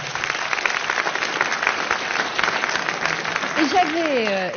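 A short burst of steady, dense applause from a group, many hands clapping at once without a clear rhythm, with a voice rising over it just as the clapping continues near the end.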